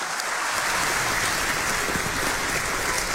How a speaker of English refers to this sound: let's give Mindy a nice round of applause as she joins us in this new role